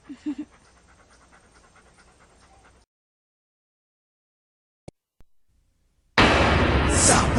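A dog pants in quick, steady breaths for a few seconds, then everything goes quiet except for a couple of sharp clicks before a loud, dense burst of noise cuts in.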